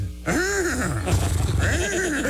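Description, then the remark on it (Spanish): A loud horse whinny with wavering, rising and falling pitch, sounding twice in quick succession over about two seconds, with no talking; it is a Mustang car's horn that whinnies instead of honking. “Y le apachurra así, en vez de claxon, relincha.”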